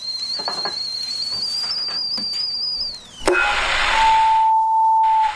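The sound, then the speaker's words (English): A kettle put on for tea whistles shrilly and steadily, then its pitch drops and it breaks off into a clatter and rushing hiss, followed by a lower, steady tone. “The kettle's on.”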